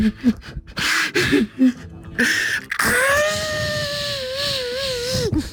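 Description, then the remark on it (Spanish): After a few seconds of talking, a voice breaks into an imitation of a hired mourner wailing beside the coffin at a wake: one loud, sustained, quavering cry that wavers in pitch for a couple of seconds before cutting off. “imagínate que está llorando la... Ajá, las lloronas”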